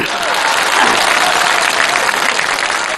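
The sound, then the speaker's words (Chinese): Steady, dense applause from an audience fills the whole stretch, a loud wash of many hands clapping at once with faint voices mixed in. “我今天呢，我叫我这小媳妇儿先跟大伙儿见见面，有点腼腆，没有掌声不回头。”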